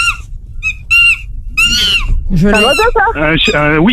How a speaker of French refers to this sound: Un oiseau, ça? Ouais, wow, un singe. Ouais, c'est accepté, le Wistiti. Un singe. C'est accepté.